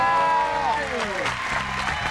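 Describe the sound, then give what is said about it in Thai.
Steady, fairly loud applause from a crowd welcoming a guest who will talk about khao chae, filling the whole stretch, with a brief tonal sound gliding downward and fading near the start. “พอแล้วงั้นมารู้จักข้าวแช่กันหน่อยขอเสียงปรบมืออย่างกึกก้อง ให้ครับ ต้อนรับ”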